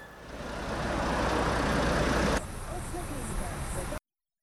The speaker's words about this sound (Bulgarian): Задръстването се образува още от ранните часове на деня, а на колите се налага да чакат с часове, за да преминат през ремонтирания участък.